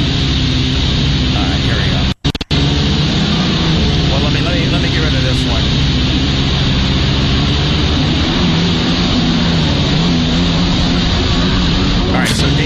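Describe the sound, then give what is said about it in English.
A stand-up jet ski engine runs loud in a steady, rough droning whine with a grinding low rumble, broken only by a split-second cutout near the start, as the rider maneuvers to do a trick. “As you can see, he's on one of these stand-up jet skis, and he kind of tries to maneuver himself so that he's doing this certain kind of trick here.”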